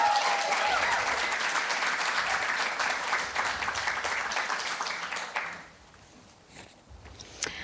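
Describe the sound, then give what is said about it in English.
An audience applauds a panel of speakers in a dense, steady wash of clapping for about five seconds, then it thins out to a few scattered claps and fades. “So I'd like to thank you, and just another warm welcome and round of applause to our wonderful panelists.”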